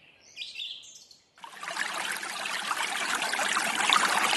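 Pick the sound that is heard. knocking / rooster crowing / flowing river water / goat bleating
flowing river water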